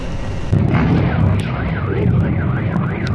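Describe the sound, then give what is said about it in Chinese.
An air raid siren in Ukraine wails, its pitch rising and falling in quick repeated sweeps over a loud, dense rumble of low background noise. Sirens sounded across all of Ukraine as Russian forces fired missiles at Kyiv. “俄乌冲突持续，乌克兰空军在社交媒体上发文称，上周末乌克兰全境拉响了防空警报，俄罗斯军队向基辅发射了多枚导弹。”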